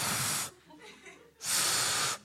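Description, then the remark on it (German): Two long, breathy hisses of air blown through pursed lips as the kangaroo tries to whistle, a failed whistle with no clear tone, separated by a softer, murmuring breath in between. “Es bläst nochmal Luft durch die Lippen.”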